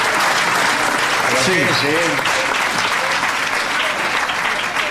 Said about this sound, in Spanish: Miren los aplausos para la manguera.